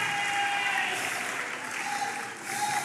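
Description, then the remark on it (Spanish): An audience claps their hands for the Lord in steady, dense applause that fills the whole moment, loud and continuous with a faint sustained tone running underneath. “Vamos, dele palmas, dele palmas al Señor.”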